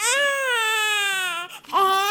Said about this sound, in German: Das war also ein japanisches Weinen. Sie haben das erkannt an dem Tonakzent, den man hier hörte, mit dem schnellen Anstieg der Melodie